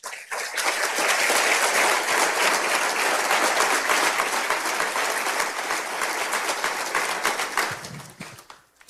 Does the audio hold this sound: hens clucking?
no